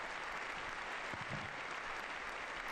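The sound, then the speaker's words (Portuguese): Sustained applause from a large audience for the words of the Pope, a dense, steady wash of clapping that holds at an even level throughout, with no voices standing out. “Um longo aplauso pelas palavras de Sua Santidade.”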